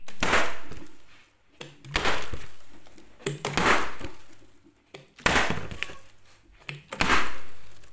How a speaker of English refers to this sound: I think it could be like if you have like plastic and then you're like slapping it on the table or the counter or something.